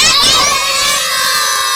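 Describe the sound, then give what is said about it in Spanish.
A loud group of young children from the transition A and B levels of the Baquedano language school, visiting as a delegation, shouting their school's name together in unison, a sustained high-pitched collective yell that fills the space and holds steady for nearly two seconds. “¡Qué gritones que son!”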